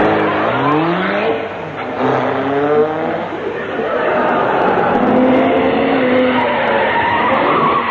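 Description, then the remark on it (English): A car engine turns over and revs up, its pitch climbing in quick rising sweeps, then settles into a loud, steady roar as the vehicle pulls away. “Pour it in the tank of this car.”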